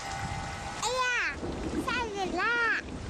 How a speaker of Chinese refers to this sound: 下雨了，收起风筝吧，雨天放风筝容易被雷电击到。